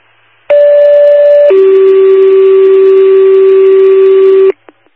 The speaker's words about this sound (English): Old fashioned alarm.